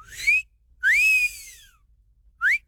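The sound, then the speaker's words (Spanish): A human whistle in three bursts: a short rising note, a longer swooping wolf-whistle that rises then falls, and a final quick upward chirp, clear with no talking; a flirtatious catcall aimed at girls. “El chiflidito para sus nenorras”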